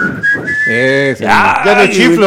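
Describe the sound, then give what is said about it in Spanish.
Someone whistles a short tune, a song's melody, the thin tone wavering and sliding between notes, mixed with breathy voiced sounds for about two seconds. “¿Cómo era el silbido que tenía?”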